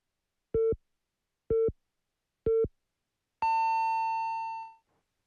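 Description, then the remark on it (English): Three short, evenly spaced mid-pitched beeps about a second apart, followed by a longer, higher tone that rings for over a second and fades out, the classic hourly radio time signal, broadcast by radio station BEFM in Busan and marking 1 o'clock. “The time is now 1 o'clock.”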